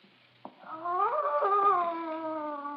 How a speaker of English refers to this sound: It was one of the others. They scream because they remember things.